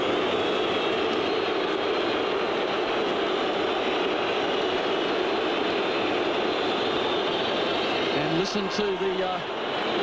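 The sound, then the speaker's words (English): A loud, steady roar from a football stadium crowd as Uruguay takes a corner kick in a match, filling the whole stretch without easing, with a few brief whistle-like or horn-like tones rising above it near the end. “Listen to the crowd.”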